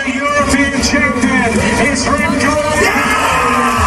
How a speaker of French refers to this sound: Voilà les cris de joie de Remco Evenepoel après donc son premier sacre européen hier.